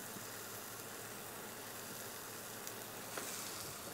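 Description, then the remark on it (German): Steady, dense sizzling of cheese frying in a pan into small crisps, a constant hiss with a few brief crackles and pops near the end, with no talking. “Kannst du das auch hier einfach in der Pfanne machen.”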